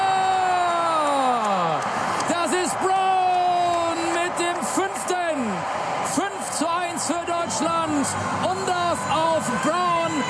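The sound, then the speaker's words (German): A loud, continuous roar of German football fans in Houston celebrating a goal for Germany, with rising and falling shouts and whoops layered over a dense crowd din that holds steady throughout. “Sein erstes Tor und völlig losgelöst feiern die deutschen Fans in Houston diesen Treffer.”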